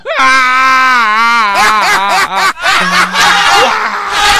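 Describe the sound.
A voice imitates a hungry wolf's howl with one long, rising, wavering tone that soon breaks apart into choppy, giggling bursts and strained vocal sounds.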